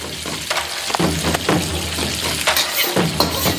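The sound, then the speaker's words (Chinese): Mushrooms, yanlai bamboo shoots and cured pork sizzle and crackle steadily in a hot wok, a dense hiss broken by repeated scraping stirs and short popping bursts, with no voices; an autumn dish from Lishui. “菌菇吸饱了腊肉的咸香，在锅中欢快翻滚。”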